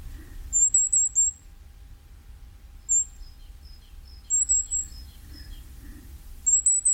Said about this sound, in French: Un autre tout petit oiseau, alors vraiment, il faut bien prêter l'oreille pour l'entendre, c'est le roitelet à triple bandeau.